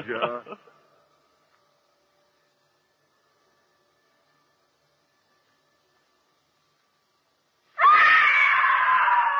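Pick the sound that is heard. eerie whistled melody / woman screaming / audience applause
woman screaming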